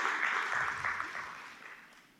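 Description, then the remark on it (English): A church audience claps in a steady, dense patter of many hands that gradually thins and fades over about two seconds, with no voices over it. “You want to clap?”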